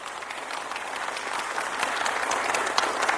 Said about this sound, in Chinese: 大家的掌声， 哎， 谢谢朋友们的鼓励。